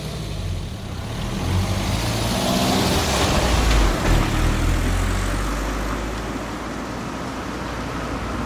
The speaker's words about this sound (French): Minutes plus tard, le taxi arrive devant le stade.